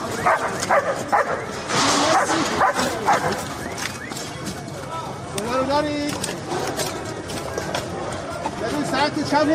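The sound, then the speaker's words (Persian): Leo, a search-and-rescue dog of the Iranian Red Crescent, barks and yips repeatedly, mixed with whimpering and excited cries, over a busy background of other voices and movement noise. “لئو، سگ زنده‌یاب جمعیت هلال احمر که در طی حملات نظامی آمریکا و اسرائیل به ایران بدون وقفه به عملیات جستجو و نجات پرداخت و نقش مهمی در پیدا کردن پیکرها و نجات افراد زنده از زیر آوار جنگ داشت.”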